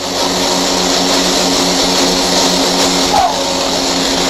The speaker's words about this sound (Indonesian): Uji coba perdana pesawat CN-235 mendarat mulus di Bandara Numfor.